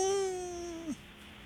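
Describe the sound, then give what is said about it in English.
A toddler lets out one drawn-out, high whining cry that wavers slightly in pitch, then breaks off abruptly, leaving quiet background noise for the rest. “Toddler. Wow, you got it right.”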